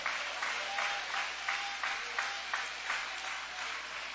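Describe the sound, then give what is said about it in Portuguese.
An audience applauds steadily, a dense wash of many hands clapping with a faint recurring pulse, as if some clap in rhythm, and no voices stand out above it. “Pode aplaudir, pode adorar, pode glorificar.”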